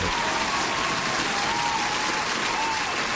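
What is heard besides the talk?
round of applause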